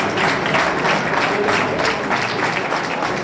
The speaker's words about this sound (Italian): C'erano infatti famiglie, amici, parenti, diversi bambini, anche piccoli, in attesa di mamma o papà, e poi colleghi dell'esercito, la protezione civile, e sono stati accolti con un caloroso applauso.